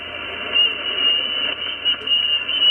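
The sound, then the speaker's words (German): Dense amateur radio interference during operation, a steady wash of crackling static with thin, high whistling tones drifting through it from an operator whistling in while tuning his antenna, loud and continuous with slight surges, no voices. “Störungen en masse. So klingt das dann, wenn es... Ja, wenn ein Betrieb ist. Wenn da so eine Pfeiferei ist oder irgendetwas, das ist also nicht, weil einer lustig ist, sondern der stimmt seine Antenne ab.”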